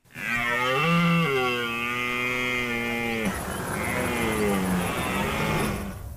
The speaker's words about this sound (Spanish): en época de berrea, el periodo de celo y reproducción de los ciervos que comienza ahora y que se va a extender hasta octubre.